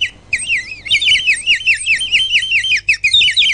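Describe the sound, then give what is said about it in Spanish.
A water bird whistle toy warbles loudly in a steady, bubbling trill, pausing briefly once or twice before continuing, with no voices over it. “Bueno, muy bien, ahí están los pajaritos, che,”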